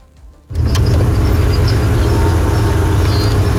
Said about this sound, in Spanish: Ese carro es de transporte escolar, don Pollo, y lleva una llanta ponchada